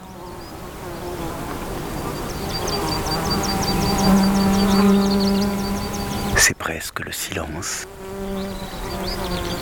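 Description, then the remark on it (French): Insects and birds near a mountain pass: insects buzz in a steady, low droning hum with a faint rapid high ticking above it. A voice speaks briefly, and a few sharp crackling bursts cut in near the end. “Et le silence est éclairé par ces insectes et ces oiseaux.”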